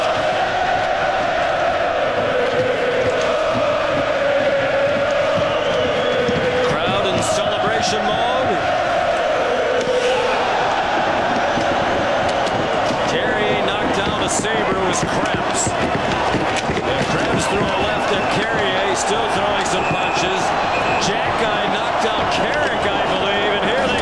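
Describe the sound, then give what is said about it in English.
A packed arena crowd at a Sabres hockey game roars loudly and without letup as one player floors another in a fight, a dense wall of shouting voices, with sharp bangs and thuds scattered through the din, more of them in the second half. “You know, and that building just sounds like a madhouse.”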